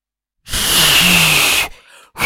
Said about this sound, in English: I tell you what, I know you can't whistle, can you? No, I can't Give us an attempted whistle.